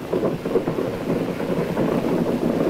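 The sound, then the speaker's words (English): A dense, continuous crackling roar of rapid machine gun fire at sea toward the French coast, with tracer fire coming up around the vessel, flares coming down and planes overhead, its quick pulses blurring together at a steady, fairly loud level for the whole stretch, with no voices. “You can hear the machine gunning.”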